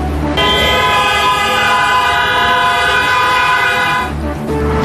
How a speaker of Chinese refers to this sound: 声声警钟穿越时空，街头交警脱帽默哀，驾驶员停车鸣笛，城市节奏为这一刻的凝重和庄严而停住。